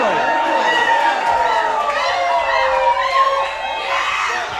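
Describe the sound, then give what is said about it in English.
A large concert crowd at a 2011 show with a band from Humboldt County screams and cheers nonstop, a dense, loud wall of shrill overlapping voices that rises and falls in pitch without any break. “Might have to let him go to the bathroom real quick or something, but then keep screaming though.”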